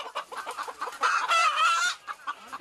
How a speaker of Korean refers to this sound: 이곳에서 키우는 닭이 좀 생소한 닭이라고 합니다. 이 닭인가요?